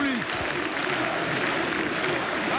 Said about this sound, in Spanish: Una copa pequeña conmemorativa la levanta Flick y el público. Vale, escuchad cómo rompen aplauso.